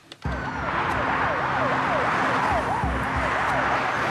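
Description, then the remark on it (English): Two police squad cars speed through town, sirens wailing in a rapid, repeating rise-and-fall pattern over the steady rumble of traffic, loud as the vehicles race past, with no talking. “Two squad cars speed through town.”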